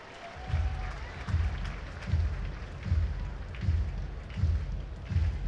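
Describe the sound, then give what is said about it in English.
A baseball stadium crowd of nearly 30,000 murmurs in a subdued, steady wash of noise during a Phillies–Twins game tied 5-5 in the eighth inning, with a regular low thumping pulsing underneath roughly every second. “What was a festive celebratory crowd has gone quiet. Crowd of nearly 30,000.”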